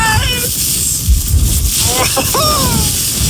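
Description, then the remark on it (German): Strong wind roars steadily outdoors during the season's first snowfall on the Arber, blowing snow into a person's face. A loud, constant rushing buffet, with a few brief, faint voice-like sounds rising through it. “Aber allein, wenn ich diesen Wind höre, da könnte ich mir schon wieder die Jacke anziehen.”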